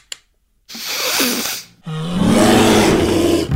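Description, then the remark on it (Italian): A bear roars loudly in two raspy bursts: a short growl, a brief pause, then a longer, deeper roar that rumbles on to the end. “Dai orso, ci facciamo un pippotto?”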